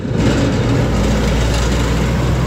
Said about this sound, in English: The Waikati Bridge on State Highway 2 is used by thousands of trucks and cars every day who take turns to rattle their way over the temporary one-lane Bailey Bridge.